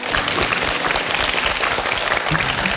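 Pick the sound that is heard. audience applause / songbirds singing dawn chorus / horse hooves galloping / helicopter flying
audience applause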